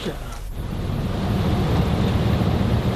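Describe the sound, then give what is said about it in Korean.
A morning commuter bus engine drones steadily with a deep, continuous rumble and road noise, heard from inside as the bus keeps moving in the early morning, after a brief soft clatter at the start. “아침 통근 버스를 운행하는 일.”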